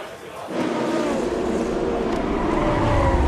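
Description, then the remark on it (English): After a brief quieter moment, a loud rush of race cars floods past a spun Alpine coming out of the Indianapolis corner, their engines blending into a continuous high-revving roar with whining tones that swells and holds to the end. “And the traffic comes flooding past.”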